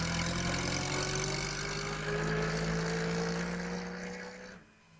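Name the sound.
bus engine idling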